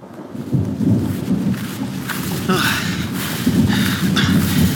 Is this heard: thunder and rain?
yes